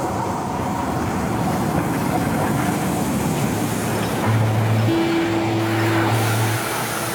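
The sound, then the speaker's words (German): A steady rumble of a train at Berlin's Anhalter Bahnhof station, with low mechanical droning throughout and a faint sustained whine rising briefly in the second half. No voices. “Ein junger Mann aus Istanbul steigt am Berliner Anhalter Bahnhof aus dem Zug.”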